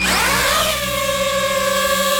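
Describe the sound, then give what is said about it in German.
A small camera drone of the kind used to film and photograph from the air whirs with a loud, high buzzing whine whose pitch slides down over the first moment, then holds a steady tone. No one speaks. “Ja, Drohne, eine kleine, eine, wo man aus der Luft filmen kann, wo man fotografieren kann.”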